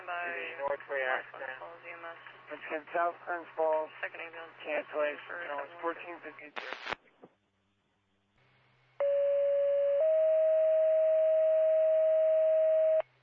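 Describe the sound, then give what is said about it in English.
Dispatch paging cancellation tones for a rescue call in Southwind Falls: after a stretch of radio talk and a short pause, a loud steady tone sounds for about a second, then shifts straight into a second long, sustained tone. “Southwind Falls, cancellation tones for the rescue.”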